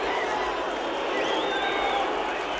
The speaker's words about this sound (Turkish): İnanılmaz. Bu kadar düşmanca tepki veren bir seyirci görmedim. Şampiyonlarına tezahürat yapıyorlar.